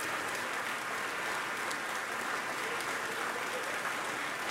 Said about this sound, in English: She's back on stage acknowledging the applause here in Bennett Gordon Hall.